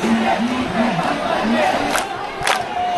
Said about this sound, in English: Crowds chant, "Where does the vote theft happen?" In the office of the BJP. That's the party led by Prime Minister Narendra Modi.